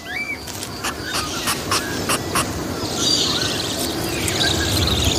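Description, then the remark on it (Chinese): Budgerigar chicks calling for food: a dense, continuous chorus of rapid high-pitched chirps and squeaks, with sharp bursts in the first half and a fuller, busier wash of calls later. “栖息着无数嗷嗷待哺的虎皮鹦鹉雏鸟。”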